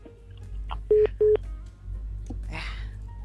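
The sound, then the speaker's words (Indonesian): Two short, loud telephone dialing beeps in quick succession, steady-pitched tones over a low background hum, followed by faint rustling and a brief hiss of noise. “Disapa oleh Tututut.”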